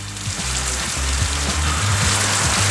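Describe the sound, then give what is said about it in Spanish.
Heavy rain pours down steadily in a dense, hissing roar with no pauses at a flooded home in Laguna Verde, Valparaíso region, while a low rumble of rushing water runs underneath. No voices are heard. “De hecho, tengo el video acá de su vivienda, donde realmente se ve que el agua no dio tregua, ¿eh?”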